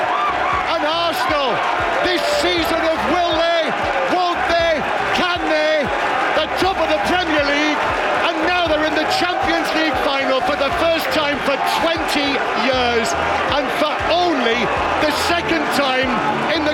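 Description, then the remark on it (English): A stadium crowd at the Emirates in North London celebrating at the final whistle as Arsenal beat Atletico Madrid 1-0 to reach the Champions League final: thousands of voices roar, cheer and sing together in a dense, unbroken wall of sound, staying loud for the whole stretch with scattered shouts rising above. “The delirium in North London at the final whistle as Arsenal beat Atletico Madrid 1-0 at the Emirates,”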